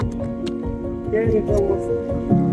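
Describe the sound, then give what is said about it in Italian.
Ice-cold water splashes and squelches into churning butter to bring the butter up to the surface, a wet, steady sloshing over a continuous low mechanical hum, with a voice faintly audible underneath. “Quando questa qui poi si è incominciata ad asciugare, aggiungiamo acqua che la facciamo affiorare sopra, facciamo affiorare il burro.”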